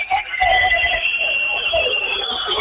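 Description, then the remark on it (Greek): A basketball crowd whistles loudly and continuously in the fourth period, with 9:40 left, as Payne prepares for free throws: many shrill, overlapping piercing tones holding steady over a dense roar of crowd noise for the whole stretch. “Και αρχίζουν τα σφυρίγματα φυσικά.”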